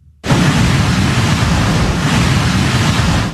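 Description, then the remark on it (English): Heavy surf from a powerful nor'easter on the Outer Banks and Virginia coast roars in after a brief quiet start, a loud, continuous wash of massive crashing waves with strong wind rumble filling the whole clip, steady. “Massive waves pummeled the Outer Banks and along Virginia's coast.”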